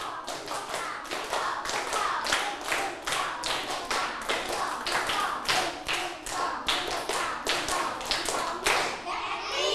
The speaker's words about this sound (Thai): พร้อมแล้วปรบมือ5ครั้งปลายทางด้วยปรบมือ5ครั้งปรบมือ1ชุด